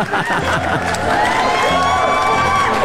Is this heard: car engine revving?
no